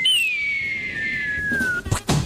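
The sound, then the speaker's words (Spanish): A low-budget cartoon falling-anvil sound effect: one clear tone glides slowly downward for nearly two seconds, then breaks off into a pair of quick, loud crashing thuds. “Y el man, sonido de caída de caricatura. De caída de yunque de caricatura.”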